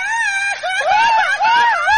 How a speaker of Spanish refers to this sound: Sí, a ver, ingeniero. A ver, otro grito, ingeniero, otro grito.